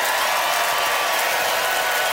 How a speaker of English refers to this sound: All right, it's time to vote by applause. How many of you, like Deborah, rule in favor of breaking the rules?